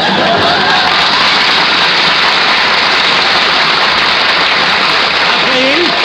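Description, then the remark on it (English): Steady, dense audience applause fills the whole stretch, a loud wash of clapping hands without pause, with a brief voice rising faintly over it near the end. “Please, don't applaud.”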